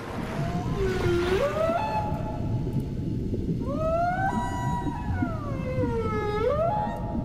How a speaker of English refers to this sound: The humpback whale songs, sung only by males, are often love ballads sung to serenade females.